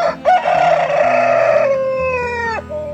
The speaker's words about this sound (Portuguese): Enquanto este galo canta